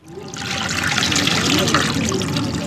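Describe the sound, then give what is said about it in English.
Water sloshes and trickles steadily as a dye maker soaks a large cotton fabric in a 20-foot-deep, water-filled, 500-year-old concrete dye pit in Kano, Nigeria. The wet splashing is continuous, with a faint murmur of voices in the background. “soaks a large cotton fabric into the water-filled, 500-year-old concrete hole.”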